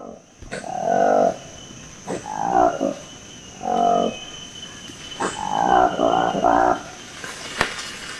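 A Lokweli monkey, a black-faced, pinkish-orange-lipped monkey of the forest canopy in Lomami National Park, Democratic Republic of Congo, gives its roaring call in deep, throaty bursts, five or six in an uneven rhythm, over a steady high insect-like drone of forest ambience.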